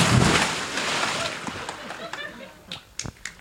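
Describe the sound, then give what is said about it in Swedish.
A person jumps into 23-degree water with a loud splash, followed by a few seconds of churning, sloshing water and scattered drips as it settles, with faint voices. “Men du får hålla i micken så hoppar jag i här nu då.”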